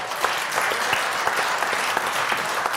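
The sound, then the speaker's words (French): Steady audience applause for the show's decoders, many hands clapping at once in a dense, continuous patter that stays fairly loud and even throughout, with no voices standing out. “On peut déjà applaudir nos décodeurs.”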